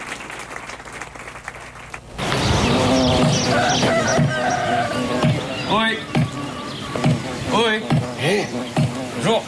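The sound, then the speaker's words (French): A flock of ewes bleats loudly, many wavering calls overlapping continuously after a quieter opening couple of seconds. “Il y a que des brebis, là, hein.”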